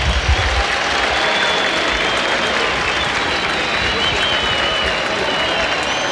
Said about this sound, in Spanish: cambio en la U, se va Elías Rojas, escuchen los aplausos.